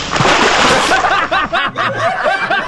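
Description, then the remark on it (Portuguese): A loud rush of water from a bucket splashed on someone comes down in one sudden burst, then quickly gives way to several people snickering and laughing. “Balde de água”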